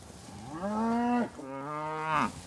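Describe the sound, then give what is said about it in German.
On a farm in Mecklenburg-Vorpommern, cows eager to get to fresh feed give two long, loud moos one after another with barely a pause, each a deep, drawn-out bellow that swells and then trails off. The second call sits slightly lower. There is no talking. “Seine Kühe haben nur eines im Sinn: schnell ans frische Futter.”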